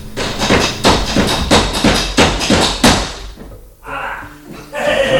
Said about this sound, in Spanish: Se le cayó una piña de la cesta que llevaba en la cabeza y con habilidad la lanzó de vuelta y después hizo un zapateado. Lo escuchamos.